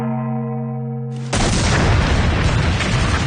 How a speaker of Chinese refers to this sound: 一枚炮弹当空掠过，先是听到锁锁哨响，流星般等爆炸声响起，贸易仍旧瞧热闹般看着夜空。贸人有些气急败坏，冲他喊， 这是大炮，会死人的，走，快走。